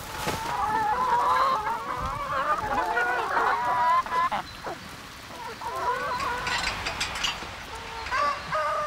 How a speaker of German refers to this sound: Sie kümmert sich um die 450 Hühner der Familie.